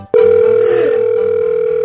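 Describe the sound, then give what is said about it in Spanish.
A steady, loud telephone dial tone after the other party hangs up the call starts abruptly and holds one unwavering mid-pitched note, with a faint low pulsing hum underneath and no voices. “¿Por qué me cuelga?”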